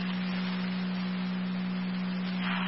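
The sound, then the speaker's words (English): A steady, unbroken low electronic tone from a Niagara County Fire Control dispatch pager, the second set of tones for a call to evaluate a female with back pain, holds for a few seconds over hissy radio static, with no one speaking. “Niagara County Fire Control, repeating your right's corner, second set of tones.”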